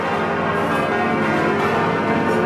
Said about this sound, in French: Fabien Pelous sur Europe 1, les cloches. On va entendre les cloches de Notre-Dame.